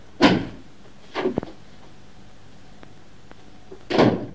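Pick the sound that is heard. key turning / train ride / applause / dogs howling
key turning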